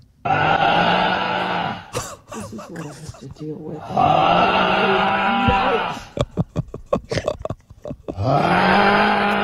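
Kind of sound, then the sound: human body sound, man snoring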